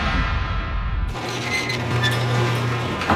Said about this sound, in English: Your garage door starts squeaking and you think, maybe I'll just lube that up myself.